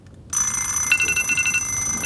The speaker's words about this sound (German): Da klingelten die Wecker der anderen Jungs.